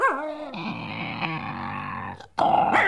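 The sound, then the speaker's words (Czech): A bear growls loudly, a deep rumbling snarl held for about two seconds, cutting off briefly before flaring up again. No one speaks. “Medvěd, koukni, Žery.”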